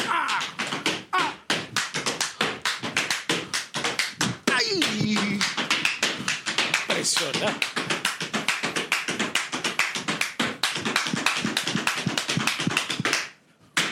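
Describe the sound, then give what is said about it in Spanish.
Rapid, steady tap-dance footwork: sharp percussive taps and stomps repeating fast and loud for about thirteen seconds, with a brief swooping tone midway and faint voices underneath, ending abruptly. The dancing is done on the 10th floor of a building, loud enough that people on the 9th floor called up. “Sabes que tú estabas zapateando, hermano, y estaban ya llamándonos en el piso 9.”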